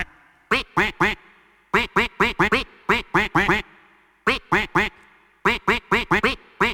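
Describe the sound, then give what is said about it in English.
Loud duck quacks rise and fall in pitch to pick out the melody of a dance music song by an Irish female artist, grouped into quick rhythmic phrases with short pauses between them and no talking. “Who is that artist being quacked by the duck?”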